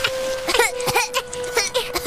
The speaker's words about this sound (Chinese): 啊，是小招潮蟹， 咳嗽的螃蟹，我阿克从来没有遇到过。 可可，看医生。小洛说的对，招潮蟹很可能是生病了。